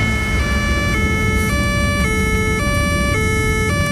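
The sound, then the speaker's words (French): A police siren blares loud in a steady two-tone wail, alternating high and low about every half second, over a low rumble of road noise, heard from inside a car, with no one speaking. “Attendez, il y a la police.”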